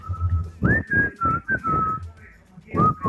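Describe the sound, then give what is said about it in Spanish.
Someone whistles a club's whistle call, a short, rising-and-falling call of several clear notes in quick succession, fairly loud, with breathy rumble and background noise beneath, and no talking. “A ver, mándenme su silbido del Goose Club, baby.”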